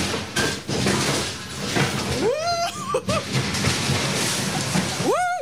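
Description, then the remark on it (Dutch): High, rising screams from a rider on a log flume ride, as the enclosed boat goes down into the splash, break out over a steady roar of rushing, splashing water: one long wavering shriek midway through, then another sharp upward scream right at the end. “Nou, ja, heb ik toch gegild.”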